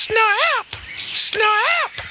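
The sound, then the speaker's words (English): A person's voice imitates the call of the "Australian Rubberbird" with two loud, warbling squawks that rise and fall in pitch, separated by a short pause. “This is the call of the Australian Rubberbird.”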